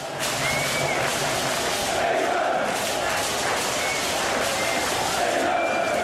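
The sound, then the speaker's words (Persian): A dense, steady roar of England football fans shouting and singing together at Boxpark in West London during England's match against Mexico, loud throughout, with a few thin high whistle-like tones cutting through the crowd noise. “باکس پارک غرب لندن برای چند ساعت به امتداد ورزشگاه آستکا تبدیل شد، جایی پر از آواز، استراب، بغل‌های ناگهانی و فریادهایی که تا سپیده دم ادامه داشت.”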